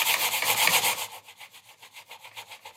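A computer mouse scrapes across a table, starting with a loud, steady rasp, then repeated quicker back-and-forth strokes that grow softer and rhythmic, close by and with no talking.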